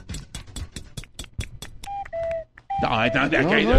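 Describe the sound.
A cuckoo clock of the kind once kept in homes: a steady run of sharp ticks, then a short two-note whistled call falling from higher to lower pitch, followed by people talking over a busy mix of sound.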